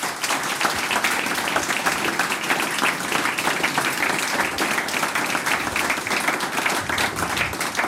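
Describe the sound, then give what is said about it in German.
Sustained applause from an audience for a family that sings and plays music together, a dense steady patter of many hands clapping at an even loudness for the whole stretch, with no voices standing out above it. “Noch einmal einen Applaus und Dankeschön, dass wir da sein dürfen.”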